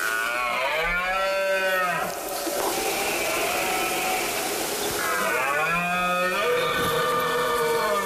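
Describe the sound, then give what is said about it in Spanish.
A red deer stag bellows twice during the rut (la berrea): two long, deep, groaning roars rich in harmonics, each lasting about two seconds, separated by a short pause over a steady background hiss. “Es la época del celo, del ciervo y el corzo, por el que el macho brama para llamar la atención de la hembra e imponerse ante el resto de la manada.”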